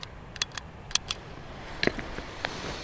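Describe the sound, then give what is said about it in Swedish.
Sharp mechanical clicks from a hand tally counter, used to keep count while collecting seeds in the Tarfala valley near Kebnekaise, about eight in an irregular sequence, some doubled, crisp and bright over a faint background hiss with no talking. “Det här är en sån här handräknare.”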